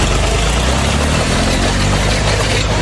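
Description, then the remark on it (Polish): A farm tractor pulling a plough drives along Rybacka Street in Gliwice, tearing up freshly laid asphalt over nearly 200 metres; its engine drones loudly and steadily, a dense rumbling roar with a rough, grinding texture that never lets up, with no voices. “Mężczyzna ten, kierując ciągnikiem rolniczym, do którego podłączony był pług, jechał wzdłuż drogi, uszkadzając ją na odcinku prawie 200 metrów.”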